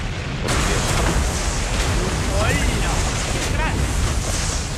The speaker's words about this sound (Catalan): De cop, es produeix una gran explosió.